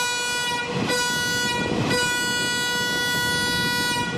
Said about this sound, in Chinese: 这样的两短一长鸣笛用于列车出入库申请行车信号。